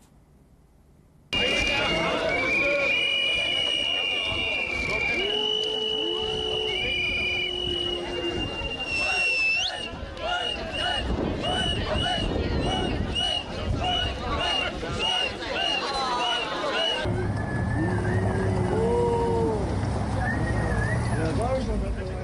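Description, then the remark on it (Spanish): A crowd whistles loudly and continuously at German Chancellor Friedrich Merz as he reappears in public after his vacation, with many shrill, overlapping whistles sliding up and down above a dense roar of voices and shouting that runs almost the whole clip. “Y en la misma sintonía que estos silbidos va una encuesta reciente que fue publicada”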